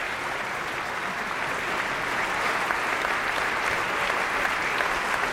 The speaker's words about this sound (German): Simon Neil holt jetzt den Dirigenten auf die Bühne. Das Orchester steht auf und verbeugt sich. Applaus für den Dirigenten Roland Kutis.